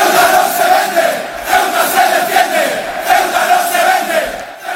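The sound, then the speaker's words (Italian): A large crowd of Atletico Madrid football supporters, the Frente Atletico ultras, chants in unison the slogan "Ceuta is not for sale, Ceuta defends itself", loud and sustained, with voices rising and falling in repeated phrases across the whole stretch. “Il grido è Ceuta non si vende, Ceuta si difende.”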